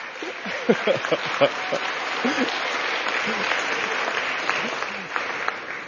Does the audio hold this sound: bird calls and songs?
no